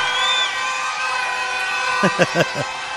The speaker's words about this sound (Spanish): aplauso a la pareja que representa a la región del Maule.